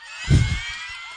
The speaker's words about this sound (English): Those ones were screams.